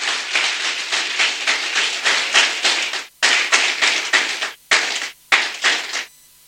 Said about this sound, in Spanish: Entonces, dale un aplauso al Creador.